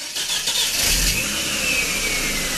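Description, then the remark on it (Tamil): A car engine cranks and catches as the car is started to set off on a drive, then revs up with a rising whine, loud, running steadily for a couple of seconds with no one speaking. “ஆ, வண்டி எடுக்கட்டுமா? ஆ, உக்காந்துட்டப்பா, எடுப்பா, புறப்படுவோம்.”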